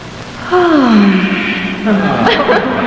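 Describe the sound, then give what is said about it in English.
A woman lets out a long, playful yawn that slides downward in pitch, fairly loud, trailing off into breathy vocal sounds. “Bachelorette number two, let me hear your sexiest yawn.”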